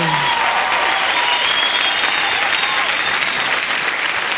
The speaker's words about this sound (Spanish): Un aplauso.